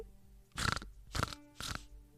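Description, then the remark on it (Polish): Three short, harsh snorting grunts in imitation of a pig, made by Kononowicz, evenly spaced about half a second apart, each a noisy, rasping burst with quiet between them and no talking. “Nie wiem, czy słyszeliście, ale Kononowicz zaczął chrumkać. I tak przy każdej wypowiedzi na jedno zdanie 5 chrumknięć.”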